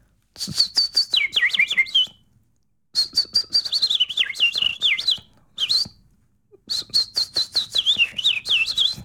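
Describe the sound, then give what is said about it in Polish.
Three high phrases of bird song with quick descending trills, separated by short silences, the phrases alternating between a real bird and a person's whistled imitation answering it. “No przyznają Państwo, że zupełnie jakby te dwa ptaki dialogowały ze sobą, to znaczy ptak-ptak i ptak-człowiek.”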